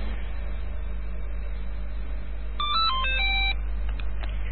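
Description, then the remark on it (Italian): A short electronic ringtone melody of stepped tones plays over a steady low hum and line noise, followed by a few faint blips; no one speaks. “Ah, molto bene, quindi era il telefono.”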